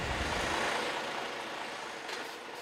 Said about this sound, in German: Und das ist mit seinem LKW in den schmalen Einbahnstraßen der Kaiserbäder nicht immer ganz so einfach.